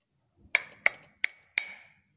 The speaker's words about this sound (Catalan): Aviam, piquem, aviam com sona la mola. Pica. Aviam si se sent.